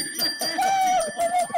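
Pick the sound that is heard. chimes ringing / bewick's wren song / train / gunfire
chimes ringing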